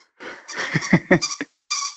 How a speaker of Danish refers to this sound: jeg blev nødt til at spørge, hvad er det for en lyd, vi hører i baggrunden? Åh, det er en lille hund, der har et pivedyr. Den vil også gerne være med i radioen.